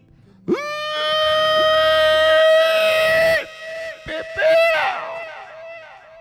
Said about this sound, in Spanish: tírese el grito guanacasteco, soy yo.